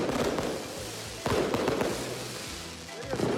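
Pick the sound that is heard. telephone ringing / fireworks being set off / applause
fireworks being set off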